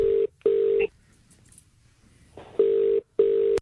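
An outgoing phone call's ringback tone, on a call placed during Triple M's Rush Hour radio show, purrs in two steady double-bursts, loud and clear, separated by a pause of quiet line noise.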